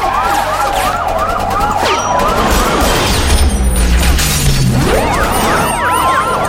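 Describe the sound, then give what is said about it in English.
Several emergency vehicle sirens wail and whoop over one another, loud, their rising and falling tones layered over a dense rumble of traffic and crashing noise. “Just follow the sirens.”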